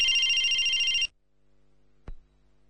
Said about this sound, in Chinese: 我接一下电话。